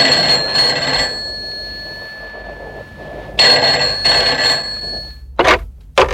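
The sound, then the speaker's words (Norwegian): A telephone rings in two bursts of shrill, trilling bell tones separated by a pause, followed by a couple of short sharp clicks like a receiver being handled, on a call from a phone booth to a crisis centre. “Men så gikk jeg til en telefonkiosk og ringte til”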